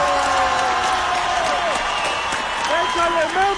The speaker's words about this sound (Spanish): El mejor aplauso para Guillermo Ochoa, por favor.